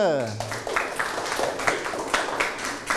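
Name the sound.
classroom applause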